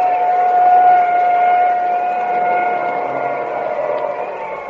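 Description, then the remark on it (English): A steady, high ambulance siren tone sounds over a broad wash of background noise, holding one pitch and slowly growing fainter as the ambulance drives away after a race car crash. “Now there goes the ambulance.”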